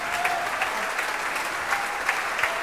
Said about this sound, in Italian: Le artiste ringraziano, tutta la sala è in piedi ad applaudire queste artiste, le artiste salutano, si tengono sempre per mano.